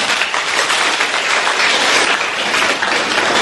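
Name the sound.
audience applause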